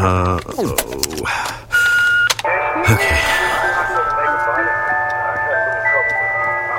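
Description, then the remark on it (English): A tinny, looping electronic melody of bright sustained notes, like an ice cream truck jingle, plays loudly and steadily, starting after a few sharp clicks and a brief burst of noise. “It plays over and over and over again because it's the ice cream truck.”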